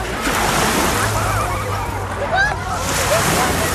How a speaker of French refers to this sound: Et voilà, ces vagues, ça nous donne envie d'aller se baigner.